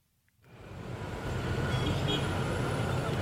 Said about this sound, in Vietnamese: Giữa dòng phương tiện đông đúc trên quốc lộ 1, một chiếc xe ba bánh tự chế chở đầy sắt hộp, dài gần gấp đôi thân xe, len lỏi qua các làn đường.